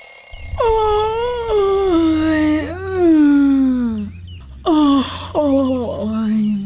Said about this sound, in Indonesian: Menguap. Hampir semua orang mengira tudingan mengantuk biasanya akan melekat pada kita yang sering menguap. Padahal, menguap tidak selalu karena sedang diserang kantuk loh. Menguap merupakan tanda tubuh membutuhkan oksigen.